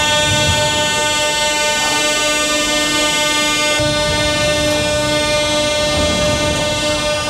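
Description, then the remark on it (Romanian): A metro train rumbles loudly and steadily through an underground metro station where thousands of people took shelter from overnight missile and drone attacks, its sustained whining tone ringing over a constant low roar for several seconds, with no voices. “Mii de oameni s-au refugiat în stațiile de metrou.”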